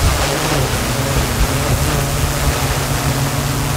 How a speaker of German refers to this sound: Ja, so klingt nämlich eine spezielle Drohne, die die Einsatzkräfte da gerade testen. Was daran so besonders ist, es ist eine autonome Drohne.